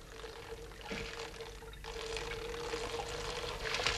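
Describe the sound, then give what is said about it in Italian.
Water filled from a fountain is poured from a teapot onto small pebbles, a steady continuous splashing, crackling wash with gurgling surges, fairly loud throughout, with no voices. “Ecco l'acqua. Bene, grazie. E ora versiamola sui sassolini.”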